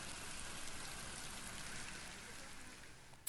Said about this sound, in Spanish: Aquí en Mérida, donde nos encontramos ahora mismo, hay tormenta, los cielos están muy cubiertos y llueve de manera intermitente.